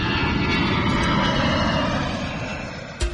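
An airplane roars overhead, a loud, steady rumbling engine drone that dips slightly near the end before a brief knock cuts in. No one speaks.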